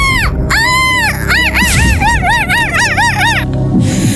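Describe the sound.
A person imitates a seagull, with a long rising-and-falling cry followed by a rapid series of shorter arched, yelping calls, loud and harmonically rich over a low noisy background.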